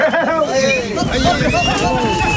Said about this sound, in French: Cette ambiance, elle est vraiment de chez nous. Camargue, Petite Camargue, ces sons mélangés de chevaux, taureaux et manadiers, c'est une signature ici.